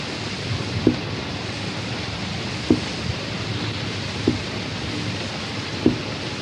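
Steady, even hiss of falling rain fills the scene, with soft drip-like taps recurring roughly every second and a half; no voices.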